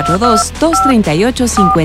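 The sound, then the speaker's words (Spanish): Short bursts of telephone keypad dialing tones beep in a quick sequence, layered over a busy background of voices or music that keeps running underneath, in a station spot for the studio phone line of RTQ Radio (Radio y Televisión Querétaro). “Conéctate con RTQ Radio, teléfono en cabina”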